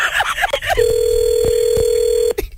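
A telephone rings with a steady electronic tone lasting over a second, loud, after some brief voices and clatter at the start.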